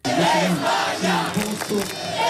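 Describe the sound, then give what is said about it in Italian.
A loud crowd of Spanish football fans cheers and chants in the streets of Rome, celebrating the World Cup final they watched on big screens around the city. Many voices merge into a steady roar with rising and falling sung shouts throughout. “Mondiali di calcio, la festa dei tifosi spagnoli anche per le strade di Roma, in tanti hanno assistito alla finale sui maxi schermi sparsi per la città.”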